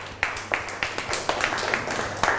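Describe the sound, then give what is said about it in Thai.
A class claps together for group 2 in a steady, fairly quick rhythm: about nine sharp, crisp claps over a couple of seconds, moderately loud, with no one speaking over them. “เก่งมากปรบมือให้กลุ่ม2ค่ะ”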